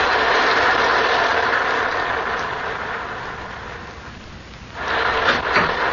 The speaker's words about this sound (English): There's the house. And the rain. Look at the rain. Yes. Red rain.